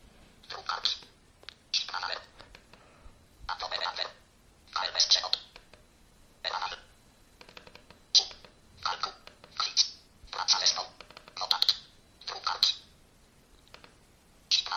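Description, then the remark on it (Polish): A mobile phone's screen reader, the Mobile Speak program, speaks in quick, clipped bursts of synthetic voice, each short phrase separated by brief pauses as keys are pressed, at a moderate level. “I tak telefon mniej więcej się zachowuje, jeżeli chodzi o program Mobile Speak.”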